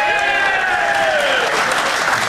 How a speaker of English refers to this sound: Now that you've seen and heard all the evidence, clap if you think she deserved a ticket. Nobody. So clap if you don't think she deserved a ticket.